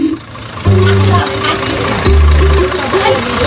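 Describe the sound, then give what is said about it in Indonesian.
A truck that is about to haul goats idles, kicking in after a brief pause with a loud, steady low rumble and throbbing hum that holds to the end, with muffled voices in the background. “Ayo, cepet naik, jamnya mepet, masih harus ngurus kambing, masih harus ngangkut kambing, ini truk saya.”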